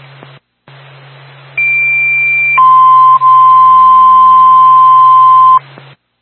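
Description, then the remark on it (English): Two-tone fire dispatch paging alert over a radio channel from Twin State to the Littleton Fire Department, for a fire alarm activation at the Union Bank, 76 Main Street, Littleton: a loud, steady higher tone for about a second, then a long lower tone, with faint static hiss underneath and short clicks at the start and end. “Twin State, Littleton Fire Department, stand by for tone.”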